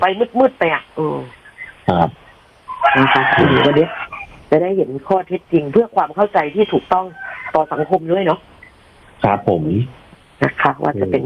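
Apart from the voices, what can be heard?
rooster crowing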